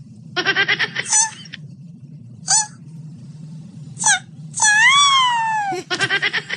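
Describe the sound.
A voice imitates a turtle with high, squeaky wailing noises: stuttering pulsed bursts, a few short chirps, then a longer wavering wail, over a low background hum.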